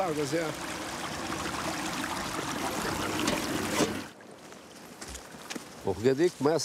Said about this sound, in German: Schon fließt es in diese Richtung. Die Menschen, der Kunde macht das, nicht ich. Ich öffne nur das Beckenventil. Der Kunde leitet dann hier das Wasser um. Dort weiter unten machen sie es genauso.